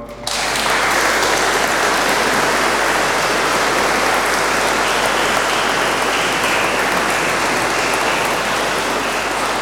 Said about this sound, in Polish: Bardzo proszę dla księży biskupów i kapłanów o brawa.